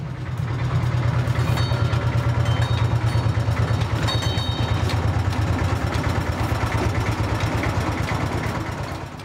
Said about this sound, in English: This is a train.